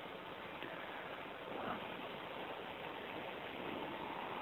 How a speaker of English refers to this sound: It's raining.